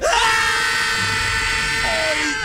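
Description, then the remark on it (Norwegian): A crowd of children shouting together as loud as they can on a count of three, one sustained, high-pitched roar of many voices that holds steady and loud for a couple of seconds. “På tre så bare roper dere så høyt dere bare kan.”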